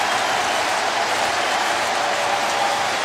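A baseball crowd cheers as momentum shifts to the Brewers, in a steady, unbroken roar for about three seconds, a dense wash of noise with applause mixed in and no single voice standing out.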